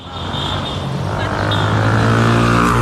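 Dense, steady roar of city traffic in Cairo with engines droning and vehicles passing continuously, a loud, unbroken wash of road noise.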